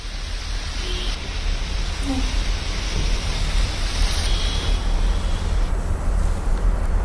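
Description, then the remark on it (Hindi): Heavy rain pours down in a steady, dense hiss that stays loud and even throughout, with no voices and no clear breaks. “तो वहीं पश्चिम बंगाल के कई इलाकों में तेज बारिश का अनुमान जताया गया है।”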